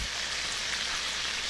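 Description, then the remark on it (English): Steady sizzling of oil in a deep fryer, a dense crackling hiss that holds constant throughout with no voices. “The sizzle of a deep fryer.”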